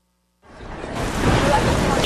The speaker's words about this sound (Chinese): 下雨天好讨厌哦，那就麻烦你喽。